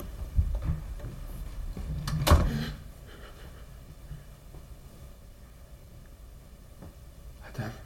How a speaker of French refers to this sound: La porte s'ouvre maintenant.